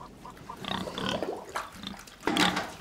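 pigs grunting

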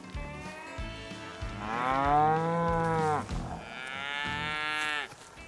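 cow mooing

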